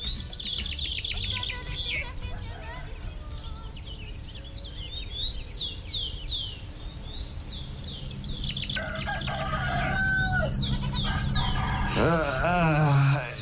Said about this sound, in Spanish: Parece que ya amanece, María, y hasta el gallo canta.